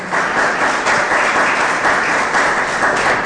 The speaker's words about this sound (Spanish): ¿Cuántos dicen gloria a Dios? Dele ese aplauso poderoso a Jesús.